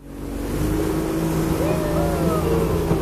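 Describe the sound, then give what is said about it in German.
A small wooden motorboat carrying tourists leans into a curve and accelerates on a mangrove forest tour in Brunei. Its engine drones steadily and loudly, the pitch rising slightly as it speeds up, with rushing water and wind noise beneath and faint voices in the background. “Das kleine Holzboot liegt in die Kurve und beschleunigt, zur Freude der Touristen.”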